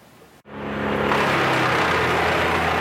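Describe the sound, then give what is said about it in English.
A wood chipper shredding trees uprooted by a severe storm, on a property just east of Rocky Mountain House, roars to life after a brief cut. Its deep engine drone is layered with loud, steady grinding and shredding noise that builds quickly and holds at full volume. No one speaks. “The sound of wood chippers fills the air just east of Rocky Mountain House.”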